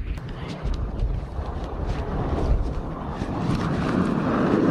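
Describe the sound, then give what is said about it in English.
Strong wind blows outdoors in Coldfoot in the Arctic at 30 below zero, a loud, continuous roar buffeting the microphone with low rumbling gusts that swell slightly stronger toward the end. “It's windy. Just standing out in 30 below zero.”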